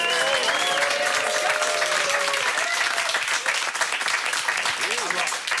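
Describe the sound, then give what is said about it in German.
Dense audience applause fills the whole stretch, a steady loud wash of clapping with some whistles and cheering voices riding over it early on. “Flamme Applaus dafür.”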